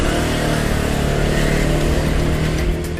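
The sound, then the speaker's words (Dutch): A 125cc scooter engine revs loudly and steadily, a continuous buzzing drone with rising and falling throttle, no voices over it. “Maar gelukkig heb ik mijn eigen scooter. Een 125cc weliswaar.”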